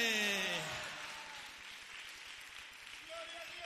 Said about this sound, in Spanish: Démosle un fuerte aplauso al Rey de Reyes y Señor de Señores. Y a su nombre.